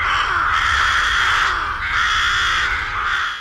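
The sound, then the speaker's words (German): A rook colony in the Vorstadt of Solothurn caws loudly and continuously, many harsh overlapping calls blending into a dense, raucous chorus with brief dips, with no talking. “Genau, Saatkrähen.”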